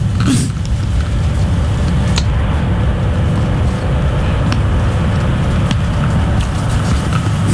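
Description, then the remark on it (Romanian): Two SMURD emergency rescue vehicles drive past close by, circling around, a steady low engine and road rumble filling the scene, with a few faint clicks and no voices. “Uite, sunt două autospeciale zmuri care vin pe lângă noi. Ne dau târcoale.”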